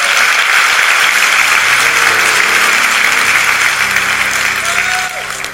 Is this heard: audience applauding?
yes